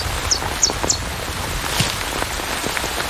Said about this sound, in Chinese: 雨下得更大了，雨滴顺着树叶滑落，淋湿了巢中的欧戈东雏鸟